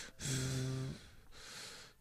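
A pet named Enki pants impatiently: two long, loud, breathy huffs, the first carrying a whiny voiced edge, with no talking around them.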